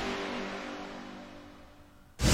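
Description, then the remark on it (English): A cold diesel engine churns and sputters as it struggles to start, its low rumble slowly fading before a sudden loud, harsh burst of noise at the very end. “Do you sound like a cold diesel engine trying to start when you sleep?”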